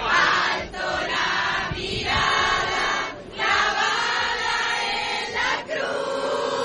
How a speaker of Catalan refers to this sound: Mentrestant, al davant, a la catedral de l'Almudena, hi ha una multitud de fidels que l'espera, amb onejant banderes i cantant himnes.